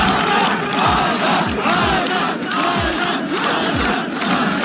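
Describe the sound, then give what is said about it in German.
A large crowd of spectators roars in unison, chanting a runner's name together in a dense wall of many voices as he crosses the finish line, with rhythmic low thumps pulsing beneath the steady din. “Und alle Zuschauer haben seinen Namen im Chor gerufen.”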